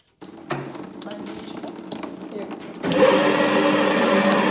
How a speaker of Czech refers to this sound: U kuličského stroje se chystá pracovat úřadující mistryně světa v broušení skla